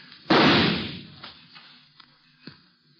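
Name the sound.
gunshots fired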